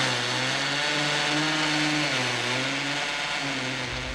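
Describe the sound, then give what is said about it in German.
A loud electric drill whines steadily for a few seconds as a woman bores holes at home, its motor pitch sagging briefly as it bites into the material, then running on. No one speaks. “Und seitdem bohre ich hier selber meine Löcher und meine Regale zusammen.”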